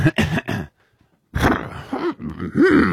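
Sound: person imitating an elephant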